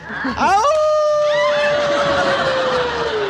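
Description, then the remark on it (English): A man howls like a wolf, one loud call that swoops upward and then holds a long, steady wavering tone that slowly sags over about three seconds, with no talking. “Yeah, you make me feel like giving my wolf call.”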